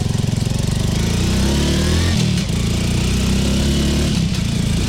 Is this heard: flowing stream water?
no